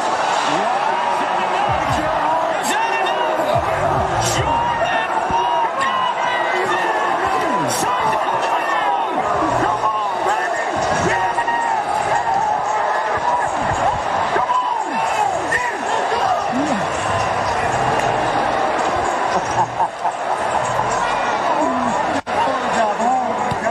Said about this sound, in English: Look at Philly fans just booing. What was an incredible moment. Not for them, it wasn't.